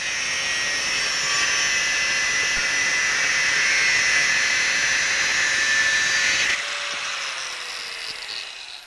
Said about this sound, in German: Die Kontur arbeitet Jonathan in zwei Schritten heraus. Mit der Flex erledigt er die Vorarbeiten.